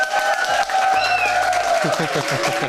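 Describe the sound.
A crowd at a school applauds steadily for a few seconds for the winner of MDR Jump's 'Held der Zuckertüte 2026' title, with dense clapping mixed with cheering voices and a brief whistle rising over the noise.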